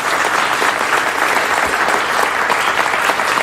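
A crowd applauds steadily and loudly, a dense wash of many hands clapping that fills the whole moment without a break and with no one speaking over it.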